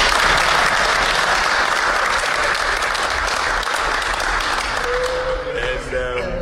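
Sustained audience applause at an event with the Black Stars football team's players and technical team, a dense, loud wash of many hands clapping at once, steady throughout with a faint voice or tone emerging near the end.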